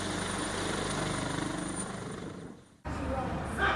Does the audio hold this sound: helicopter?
yes